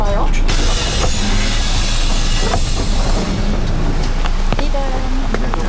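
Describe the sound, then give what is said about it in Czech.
A special low-floor bus for seniors and people with disabilities drives to Praděd with a loud, steady engine rumble and road roar throughout, plus occasional rattles and brief squeaks inside the cabin, with faint voices in the background. “Jedná se o speciální nízkopodlažní autobus pro seniory a lidi se zdravotním postižením.”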